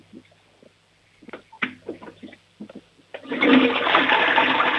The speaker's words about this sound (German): Oh, die Oma hat eine tolle Klospülung.